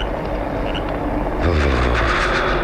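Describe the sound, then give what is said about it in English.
A car engine starts up and pulls away, a low rumble swelling after a steady hiss of rain, then holding loud and even as the vehicle moves off. No one speaks. “Let him get to his car and see him drive off.”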